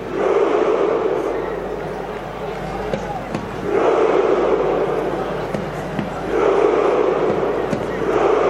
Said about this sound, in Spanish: Se vuelven locos, borrachos de alegría. Ahí está el grito del triunfo, el grito de guerra de los noruegos, encabezado por la bestia, por el niño hombre, Haaland